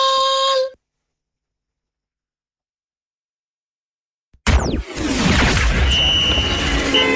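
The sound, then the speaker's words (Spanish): After a brief tone and a few seconds of silence, loud, dense street traffic rushes in with vehicles whooshing past and a sustained car horn blaring over the roar. “En el caos del tránsito”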